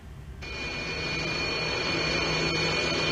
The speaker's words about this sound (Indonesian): Total 81 pesawat akan menghiasi langit Jakarta.